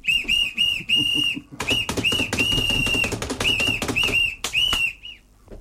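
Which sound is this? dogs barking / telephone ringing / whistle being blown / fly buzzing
whistle being blown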